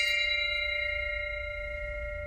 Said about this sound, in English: That bell resonating might ring forever.